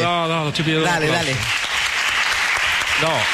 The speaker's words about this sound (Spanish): ¿Está pidiendo un aplausito?